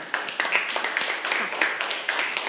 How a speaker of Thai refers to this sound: ขอเสียงปรบมือให้กับตัวแทนทั้งสองด้วยค่ะ